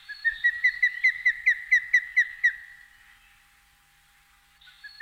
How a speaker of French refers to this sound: le balbuzard pêcheur.